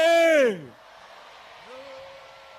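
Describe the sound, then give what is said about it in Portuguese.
A crowd of women at a gathering in Matuíne, Maputo province, lets out a loud, high-pitched shout to help the men be heard. The shout slides downward in pitch for half a second, then drops to a low murmur with a faint voice rising briefly. “Vamos agora gritar, mulheres, vamos ajudar os homens.”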